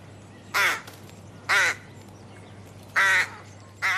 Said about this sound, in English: It's actually a rook. A rook. Of course.